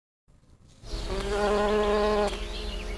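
A steady drone of honeybees buzzing, starting faintly and swelling to a full, rich hum that holds for a couple of seconds. No voices are heard.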